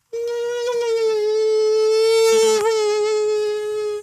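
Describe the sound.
A voice on Radio Frankfurt imitates the whine of an Asian tiger mosquito, small, black-and-white striped and biting by day: one steady, nasal buzzing tone with a rich, reedy edge, held loud and unbroken for about four seconds, wavering only slightly.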